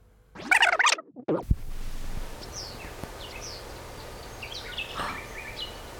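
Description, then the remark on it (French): Birds chirping outdoors at the grotto in Jette, Brussels, Belgium: a loud burst of rapid trilling calls at the start, then scattered fainter chirps and tweets from several birds over a steady background hiss. “Des oiseaux.”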